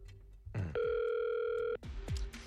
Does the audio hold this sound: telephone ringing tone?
yes